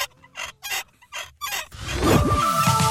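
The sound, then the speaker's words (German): A rusty squeak from the neck of a nodding dachshund toy (Wackeldackel) from the 1970s–80s, kept over 25 years in a basement: four or five short scraping creaks in a quick rhythm, then a louder, continuous squeal with pitch bending up and down. “Also über 25 Jahre im Keller, da kann es schon mal etwas verrostet quietschen im Genick.”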